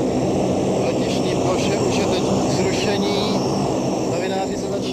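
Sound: airplane engine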